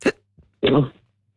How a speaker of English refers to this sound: Sorry, I've got the hiccups.